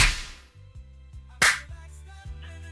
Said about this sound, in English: Who you virtually slapping today? Who getting these virtual hands?